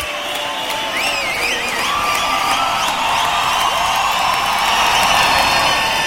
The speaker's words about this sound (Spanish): Los amigos aplauden al amigo.